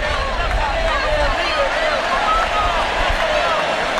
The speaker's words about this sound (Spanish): Con el aplauso de la gente y el grito de Messi, Messi, los brazos en alto.